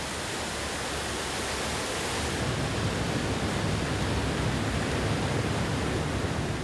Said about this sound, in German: Im Krisentraining läuft eine Tiefgarage voll.